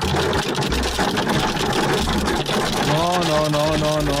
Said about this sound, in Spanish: Ándalo, mira. El granizo. Ay, no, padre santo. Más fuerte el granizo que en otros lados.